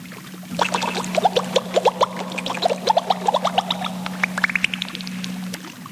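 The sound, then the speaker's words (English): Water splashes and gurgles in a rapid run of sloshing bursts, ending in a quick rising series of drips, all over a steady low hum with no voices. “Did you hear a splash?”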